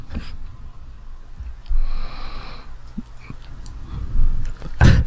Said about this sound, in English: No, that was a genuine cough. Oh, was it? Oh, okay.